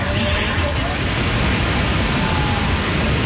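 A steady, dense roar of rushing water fills the scene, loud and unbroken like a powerful waterfall, with no pauses or distinct events; a majestic waterfall straddling the border between New York and Ontario.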